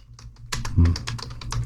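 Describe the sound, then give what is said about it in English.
Rapid clicking of keys on a computer keyboard, a quick irregular burst of taps that starts softly and grows busier, with no talking. “As I'm typing it in, because it's one of those ones which comes from Timothy, which means that it's Paul who wrote it.”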